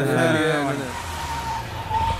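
A car arrives and stops, its engine whining with a brief squeal of tires at first, then settling into a steady low rumble and road hiss.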